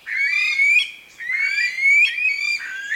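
A flightless Aldabra rail calling alone: loud, reedy, squealing notes in long rising phrases, about three of them with brief breaks between, steady and insistent with no talking.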